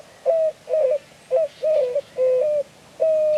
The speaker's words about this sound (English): It's morning in southern Arizona, and a white-winged dove coos from atop a saguaro cactus. He looks a lot like a mourning dove, a close relative. But this bird's voice and signature white wing patch set him apart.